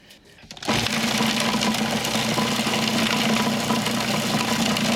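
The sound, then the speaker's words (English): A kitchen machine finely chopping herbs including basil starts up abruptly after a brief quiet moment and runs at a steady, loud whirring hum, chopping continuously with no pauses or talking. “We are not pureeing. We are finely chopping.”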